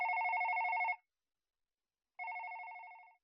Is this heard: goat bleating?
no